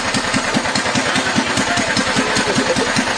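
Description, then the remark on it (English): A Barbie ride-on toy car, driven by a man in place of his regular car because of high gas prices, runs its engine steadily with a quick, even putter of low pulses and a buzzy, rattling top, loud and constant throughout with no voices. “gas prices were so high, he started driving a Barbie car instead.”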